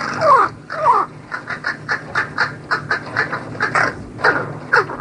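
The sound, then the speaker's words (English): Crows calling: two drawn-out, harsh caws open, followed by a rapid, uneven series of shorter rasping caws, loud, with no voices present. “And a crow's song is particular to its social group.”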